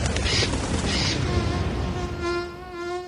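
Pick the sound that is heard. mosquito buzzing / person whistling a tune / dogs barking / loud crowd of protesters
mosquito buzzing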